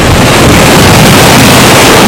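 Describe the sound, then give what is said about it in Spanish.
A heavy downpour on the seafront promenade of San Sebastián beach in Sitges, Barcelona province, Spain, flooding the promenade: a loud, steady roar of rain with a dense hiss and some low rumble, continuous throughout, with no voices. “Vamos a escuchar el sonido de la lluvia en Sitges.”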